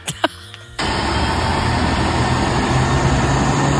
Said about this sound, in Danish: Det er en flyver. Det er også en flyver, for helvede.